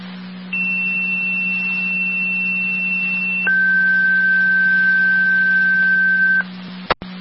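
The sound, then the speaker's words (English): Fire dispatch alert tones over a radio, the second tone-out from fire control calling additional manpower requested by unit 33M7 for lifting assistance on Bridge Road: a steady high tone holds for about three seconds, then drops to a lower tone for another three, over a constant background hum, ending with a click. “In Ireland, second to the tone, 33M7 requesting additional manpower for lifting assistance at 9488 Bridge Road, 1443.”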